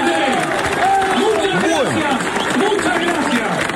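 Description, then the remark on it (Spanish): A crowd at an assembly behind glass claps and shouts together, many voices cheering over steady applause that carries on without a break for a few seconds. “Aplauden del otro lado del vidrio.”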